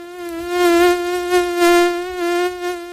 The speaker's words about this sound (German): Wenn eine Mücke im Anflug ist, geht es dem Dermatologen Thomas Schwarz von der Uni Kiel wie vielen Menschen. Dieses Summen da, das macht einen wirklich verrückt.